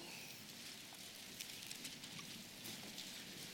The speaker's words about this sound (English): I love to hear the rustling of the pages. I'm glad you brought your Bible.